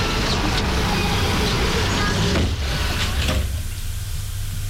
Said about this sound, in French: Elle pousse la porte qui n'est pas fermée et il rentre.